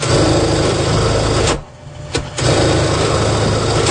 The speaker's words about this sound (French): Ben, on entend toujours le petit bourdonnement de la machine à coudre